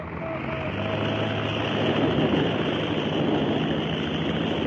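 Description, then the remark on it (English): A steady, loud engine drone of Glenn H. Curtis's seaplane taking off from the Pacific Ocean at San Diego, California, on January 26, 1911, a broad rumbling roar that holds constant with a faint hum beneath, no voices present. “For the first time in history, man rose from the water in a heavier-than-air craft when Glenn H.”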